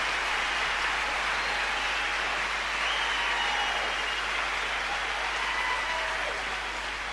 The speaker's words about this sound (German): Ja, lass wir den Jubel mal noch ein bisschen brausen.